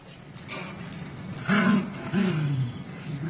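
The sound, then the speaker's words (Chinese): A recorded dog's playful growl, played to the dog Qili in an experiment on dog growls, comes in two rough, rumbling bursts, each lasting about half a second, over a low background hiss. The sound is moderately loud, and no one speaks. “而奇力听到的却是玩耍时的咆哮声。”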